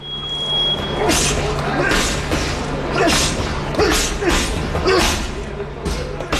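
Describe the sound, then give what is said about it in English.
Fists thud against punching bags in a steady rhythm, roughly one solid blow per second, fairly loud over a humming gym background with faint voices, in a boxing gym in the basement of a former mill building. “just follow the thuds of fist making contact with punching bags and bodies”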